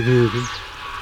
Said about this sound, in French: Quoi, ce hurlement, c'est les oies? Oui, les oies. On comprend qu'elles aient réveillé les Romains au Capitole, parce que... Ah, c'est terrible. Terrible, oui, tout le monde. Ça s'entend à 15 km.